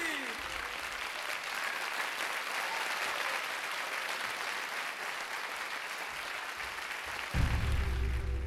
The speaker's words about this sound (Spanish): Y aplauso.